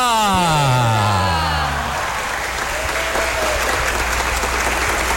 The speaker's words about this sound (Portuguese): vamos saudar Nossa Senhora com uma salva de palmas bem calorosa, bem forte.